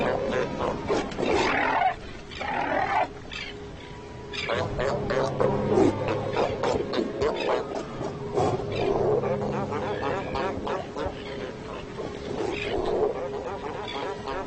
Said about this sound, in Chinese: 海狗挺起自己庞大的身躯，牛气哄哄地向雌性展示着自己的威猛。但是有时候这还不够，海狗们在领地边缘擦枪走火的事情也时有发生。